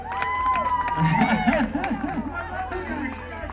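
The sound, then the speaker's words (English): A lively crowd cheers and whoops loudly, many voices overlapping in a dense, sustained roar with scattered clapping mixed in throughout. “What a crowd, man.”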